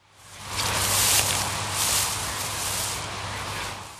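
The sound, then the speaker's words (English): Golfer Bryson DeChambeau treads through the deep rough on the fifth hole at the Open while preparing to take a shot, producing a steady swishing rustle that swells with each step, fairly loud, with a low hum underneath and no voices. “Yep, that's a man treading on some grass.”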